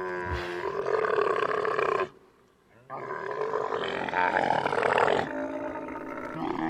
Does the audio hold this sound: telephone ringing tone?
no